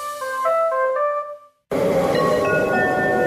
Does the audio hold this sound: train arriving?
yes